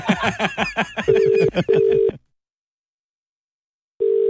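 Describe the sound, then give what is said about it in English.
A rapid run of short, bright dialing beeps gives way to two steady, low ringing tones, then a silent gap before the ring tone starts again. “Now, Cat, do you want to call the person who's...”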